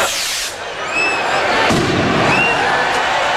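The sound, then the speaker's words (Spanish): The chupinazo, the rocket that opens the fiesta, whistles up over a loud, steady roar of crowd cheering, with a couple of sharp bangs cutting through the noise. “Solo queda que comience con el chupinazo.”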